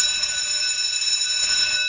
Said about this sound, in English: Did you have like a recess bell or a recess tone? We had a bell. The school was renovated in grade 8, Montgomery, and it went to a tone. Some of them were like a bell of freedom.